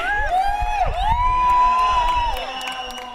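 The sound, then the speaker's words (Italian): A crowd cheers and whoops in applause for a DJ, with one high, sustained whistle-like call rising and falling above the noise. The cheering stays loud throughout and eases slightly toward the end. “Leute, einen großen Applaus für …!”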